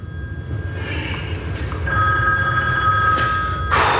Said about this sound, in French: La sonnerie téléphone m'a fait perdre le fil.